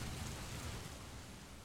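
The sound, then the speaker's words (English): Steady, heavy rain from an intensifying storm pours down in a dense, continuous hiss with a low rumbling undertone, constant and enveloping for the whole stretch, with no voices present. “Storm's picking up.”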